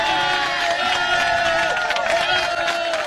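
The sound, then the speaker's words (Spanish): A crowd applauding steadily and loudly for a few seconds, dense clapping mixed with cheering and whooping voices, with no pause in the noise. “Y sobre todo más aplauso porque Don Cheque está tocando la puerta casi.”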